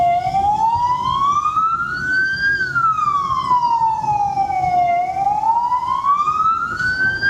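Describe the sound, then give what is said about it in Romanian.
A loud ambulance or police siren wails steadily at a busy road intersection, its pitch sweeping slowly up and down over a constant rumble of traffic and engine noise, with no one speaking. “În toată harababura din intersecție, haosul devine complet în momentul în care se aude o sirenă de ambulanță sau poliție.”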